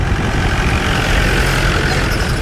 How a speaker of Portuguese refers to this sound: conduz o jipe que entra devagar aos solavancos pelo único caminho de terra que atravessa Corno de Bico, como sinaliza a placa de madeira que fica para trás.